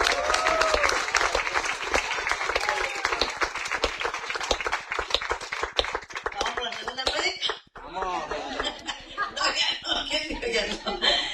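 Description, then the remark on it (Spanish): An audience of the church Iglesia Jesucristo Rey de Reyes y Señor de Señores bursts into loud, sustained applause. Dense, rapid clapping dips for a moment and then picks up again while voices call out and murmur within it. “Dele ese fuerte aplauso, señora.”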